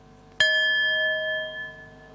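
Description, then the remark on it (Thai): A single bell is struck once as a signal for participants to open their eyes and get to know the person in front of them, ringing out with a bright metallic tone that sustains and slowly fades over a couple of seconds. “เดี๋ยวให้สัญญาณระฆังเราลืมตาแล้วก็ทำความรู้จักกับเพื่อนที่อยู่ตรงหน้าของเรา”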